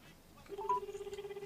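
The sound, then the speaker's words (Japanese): A telephone rings with an incoming call from a shop manager, a steady electronic tone that pulses in a quick, even flutter, starting partway through after a brief higher beep, moderately quiet over a low background hiss. “今井店長から今電話があったっぽいですね”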